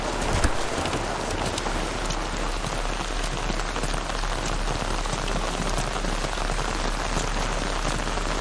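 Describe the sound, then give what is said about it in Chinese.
Steady rain falls on a mountain hilltop, pattering on a hard surface, a dense, even hiss of countless drops with faint individual splats, continuous throughout with no voices. “这山头啊，一下雨就塌方”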